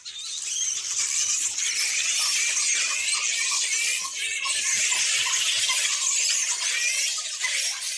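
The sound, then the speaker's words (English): A dense colony of flying foxes chattering and squealing nonstop, with many high, shrill squeaks overlapping in a steady, busy chorus. No one speaks. “We'll no longer hear their chattering in the trees at night as they talk to each other”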